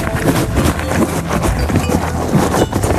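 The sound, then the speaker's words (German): A horse chews crunchy feed, a steady stream of grinding, crackly crunches without pause. Nobody speaks. “Deine Aufgabe, was frisst das Pferd?”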